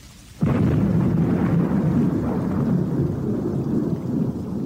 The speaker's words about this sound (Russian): Но вот первый порыв ветра, первые крупные капли дождя, и застучали о землю сорванные ветром яблоки.